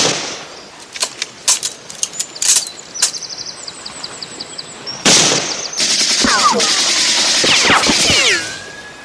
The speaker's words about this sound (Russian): Немцы пытаются перейти брод, Женя стреляет в них.